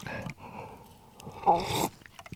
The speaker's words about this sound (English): Let's have a sip with this iced latte. 1 second. Well, kind of, it's cold latte without milk. There's no ice here, you see, so. Wonderful stuff. Let's have a bit more, shall we?